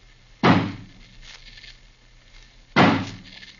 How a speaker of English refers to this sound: And the door is barred on the inside. Looks bad. We'd better break the door down. Suppose we have old Johnny use his axe on it. That'll be quicker. Of course. Johnny, smash the door open for us.